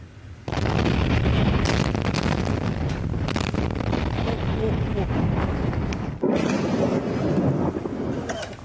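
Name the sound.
explosions and fire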